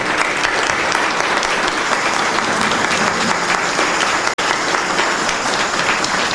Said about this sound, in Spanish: A él que empezamos esta novena, elevemos un gran aplauso al cielo a nuestro patrono.